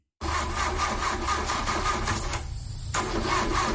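A car engine cranks over and over without catching, a steady rhythmic grinding from the starter that continues for several seconds, loud, with a brief lull near the end before cranking resumes.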